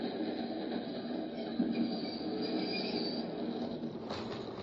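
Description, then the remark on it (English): Train wheels squeal steadily against the rails over a continuous low rumble of a moving passenger railcar pulling into 63rd Street station, with a brief sharper screech near the end. No one speaks. “Where's the train go? Up a few blocks, and we turn around and head back.”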